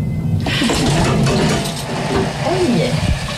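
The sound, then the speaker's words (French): An elevator in the faculty of medicine at Nantes Université runs up to the 5th floor with a steady, loud mechanical whir and low rumble, broken by occasional clicks and rattles, while faint voices murmur underneath. “On est dans un ascenseur et on va monter au 5e étage de la fac de médecine.”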